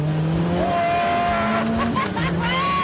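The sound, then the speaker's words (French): A powerful turbocharged 1980s French sports car, a Maxi Turbo about 35 years old, revs and pulls hard, its pitch climbing steadily through the gears, loud, with a brief tire squeal and no talking. “C'est l'exemple parfait de ce que peut faire un turbocompresseur. Quelle réactivité ! La moindre action sur l'accélérateur se répercute aussitôt sur les roues.”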